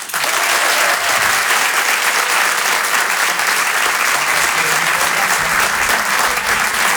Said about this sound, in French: Je vous demande un maximum de bruit, s'il vous plaît, un tonnerre d'applaudissements